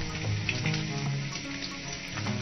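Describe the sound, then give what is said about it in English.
Bacon sizzles and crackles steadily in a hot pan, a dense, continuous hiss with scattered pops, moderately loud, with no voices. “And of course, frying bacon.”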